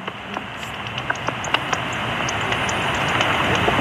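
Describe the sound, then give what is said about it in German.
Bat calls on ultrasound bat detectors as a bat flits past: a steady loud hiss broken by scattered short, dry ticks and faint high chirps that come in irregular bursts, with no one speaking. “Alle sind leislich und hören am Rauschen der Ultraschalldetektoren zu. Bis dann ein Fledermaus vorbeihuscht.”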